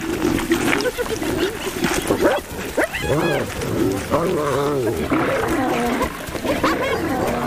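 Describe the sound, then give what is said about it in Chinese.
Loud, chaotic fight between lions and spotted hyenas over prey: deep growls and roars mixed with rising, whooping and cackling calls, overlapping continuously with no pauses, harsh bursts throughout. “哈拉卡和女族长玛吉亚联手向狮子发起反击。”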